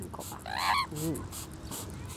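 An Amazon parrot calls as it is rinsed with water, giving a shrill, rising squawk followed by a shorter, lower croaking note, with faint background hiss and no talking.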